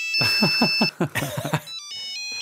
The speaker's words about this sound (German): Also diese Klingeltöne, die kriegt man nicht